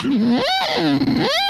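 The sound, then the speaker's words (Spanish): A voice imitates a siren-like lighthouse horn, a loud, buzzy wail that swoops up, sinks back low, then climbs again at the end in one continuous sweep. “Vienes a encenderlo, pero con el sonido del faro.”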